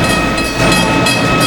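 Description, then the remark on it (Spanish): A train rolls steadily along the rails, a loud, continuous rumble with dense metallic rattling and a faint sustained tonal whine, no voices present. “Choque de trenes en el Garden.”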